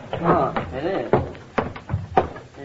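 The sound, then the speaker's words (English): A front door bangs in the wind three times at uneven intervals, sharp wooden knocks cutting through people talking, as if swinging loose and slamming against its frame. “Sounds like the front door banging in the wind.”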